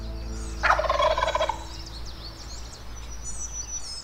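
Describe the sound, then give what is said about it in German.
A wild turkey lets out one loud, rattling gobble lasting under a second in woodland near a clearing at Cates Cove, followed by faint chirping birds in an open outdoor setting with steady low background rumble. “Cates Cove, einst Jagdgrund der Cherokee-Indianer, später Siedlungsgebiet weißer Farmer, heute Lebensraum der wilden Truthühner.”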